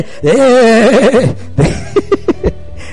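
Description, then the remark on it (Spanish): A man's voice imitates a sheep, letting out one long quavering bleat, then a few short clipped bleats in quick succession. It is fairly loud, with no other talking. “Deja de estar balando, que se dice de la oveja, ¿verdad?”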